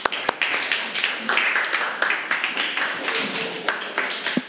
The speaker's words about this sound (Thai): ขอบคุณมากค่ะค่ะปรบมือให้กับกลุ่มนี้ของเราค่ะ